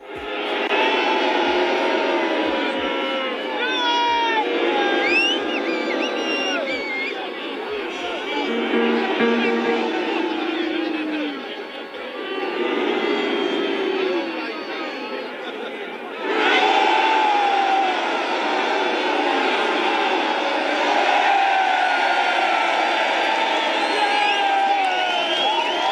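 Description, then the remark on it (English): A large protest crowd in England roars and cheers continuously, with overlapping shouts, whoops and chanting voices, reacting to pictures of Trump shown at the protest; the noise swells and dips in waves, then surges louder again partway through. “So at the protest today in England, they showed pictures of different leaders in Europe, and then they showed pictures of Trump. And the crowd reacted each pictures.”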